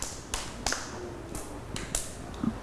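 A handful of scattered, uneven hand claps from children, soft and sparse, each a sharp crack with gaps between, over low background hum and no talking.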